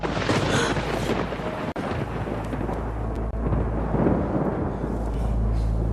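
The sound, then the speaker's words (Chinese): A loud, continuous rumble of thunder rolls on for several seconds, deep and booming with a dense low-end roar and a crackling wash across the higher range, with no voices. “不好意思，我怕打雷，小时候被吓过。”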